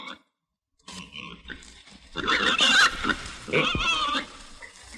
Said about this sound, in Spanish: De pronto comenzó a oírse el ruido que hacía la chancha.